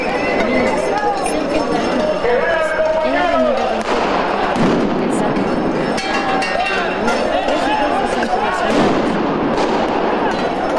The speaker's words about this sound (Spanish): Estalló la violencia en el corazón de la Ciudad de México. Maestros de la CENTE y policías capitalinos se enfrentaron a petardos en la avenida 20 de Noviembre.